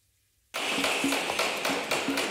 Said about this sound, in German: Überall in Fulda hört man es hämmern oder klopfen und manchmal auch ein wenig leise fluchen.